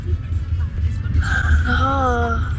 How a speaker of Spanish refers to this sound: este es mi bostezo.